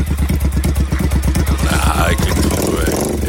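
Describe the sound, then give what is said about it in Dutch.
A motorcycle engine chugs with a steady thumping idle, then revs up and pulls away as the rider, the Prosecco supplier, rides off, its pitch rising and falling. “We geven hem een lekker liedje mee op zijn oren. Op de motor.”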